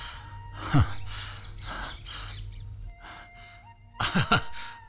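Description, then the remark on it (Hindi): A pet parrot named Mitthu chirps and squawks in a few short, raspy bursts, fairly loud, with a brief pause before a final sharp flurry of calls. “अरे मिट्ठू, अरे मेरे तोते, आओ आत्मा राम।”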